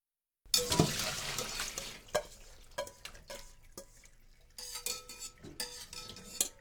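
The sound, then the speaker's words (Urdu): Metal utensil scraping and clinking against a pot while stirring spinach into reheated water so it sinks below the surface, with soft sloshing and wet swishes in an irregular rhythm; no one speaks. “فوراً ہی اسے ہلائیے اور پالک کو پانی کی تہہ میں ڈوب جانے دیجئے.”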